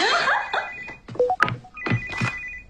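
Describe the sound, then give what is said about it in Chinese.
A phone rings with a bright, electronic melodic tone, a run of quick chirping notes followed by a sustained high ringing, loud with no one talking; it is a call from Alexander. “亚历山大打给你的。”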